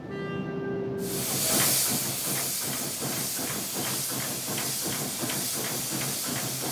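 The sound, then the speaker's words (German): A steam locomotive in Tisovec, in the Slovak Ore Mountains of Slovakia, releases a loud, sustained hiss of steam, with faint rhythmic chuffing pulses beneath it. No one speaks. “Für die reibungslose Rückkehr ins Hotel sorgen die Masutka und der Begleitzug der Dampfrösser.”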